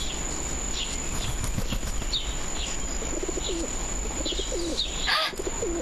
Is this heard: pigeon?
yes